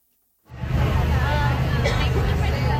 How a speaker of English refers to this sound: Outside the Supreme Court building in Washington, crowds gathered to hear how the justices would rule.